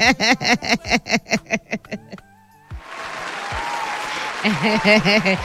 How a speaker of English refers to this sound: I go clap for you. Wait. I need to clap for you.